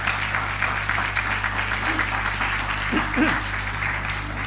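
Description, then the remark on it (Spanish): A church audience applauds the Lord and the word of the Lord after a prayer, steadily, a dense wash of many hands clapping at once, with a few voices calling out briefly beneath it. “¿Quieres darle un aplauso al Señor? Dale un aplauso a la palabra del Señor.”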